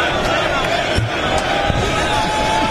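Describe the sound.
A loud, dense stadium crowd roars continuously, with sustained whistling threading through the din and occasional thumps and shouts rising from the mass of voices. The crowd whistles as Trump leaves, singing and applauding, during a football cup ceremony where Spain lifts the cup.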